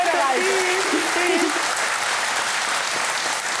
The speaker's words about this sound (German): Okay, danke schön. Alles Gute, der Applaus zu Ihnen.